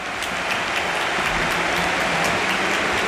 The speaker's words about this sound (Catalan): Aplaudeix el públic dret acomiadant Rafinha, que també retorna els aplaudiments.